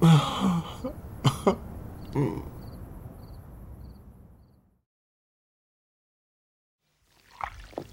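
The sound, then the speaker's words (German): Water pours and splashes into a bathtub, filling a foamy bubble bath, in a steady rush for several seconds, broken by a few sharp knocks, then fades to silence before a person briefly makes sounds near the end. “Eine Badewanne voll Wasser, voller Schaum und ich mittendrin.”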